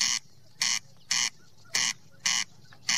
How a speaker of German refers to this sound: Weniger Freude haben die, die die Nacht schlafen wollen, rund um den Lützelsee. Jetzt in der Brutzeit schreit nämlich der Wachtelkönig nach Weibli. Und das klingt alles andere als bescheiden.